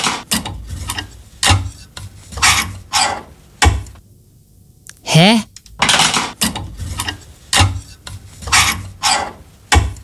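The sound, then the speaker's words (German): A clothes hanger scrapes back and forth along a metal wardrobe rail in a dozen quick, rasping strokes, pausing briefly while someone utters a short questioning sound. “Ach, ziehst du den Bügel hin und her?”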